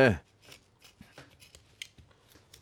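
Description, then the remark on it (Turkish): Scissors snip during upholstery work in a quick, irregular series of small crisp clicks, fairly quiet, after a brief voice at the very start. “Bunu yaptıktan sonra makası alıp böyle.”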